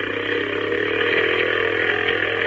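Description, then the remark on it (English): A small motorboat engine drones steadily and loudly, its buzzing tone climbing slightly as the boat speeds up across an inlet toward a lighthouse, with no voices over it. “Can't we go faster?”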